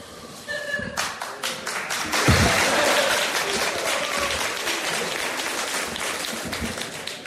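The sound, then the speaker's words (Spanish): An audience at a live performance being recorded bursts into applause, many hands clapping in a dense, steady roar that swells after a second and stays loud and even for several seconds. “Quiero decir con esto que sus risas y sus aplausos quedan inmortalizados.”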